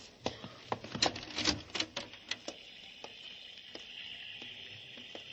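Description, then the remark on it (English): Steady hissing heavy downpour outside windows onto a balcony, with sharp, irregular spatters and taps, dense at first and then thinning out, like heavy rain striking a hard surface. No one speaks. “Well, there's a balcony there outside the windows, but it's raining so hard.”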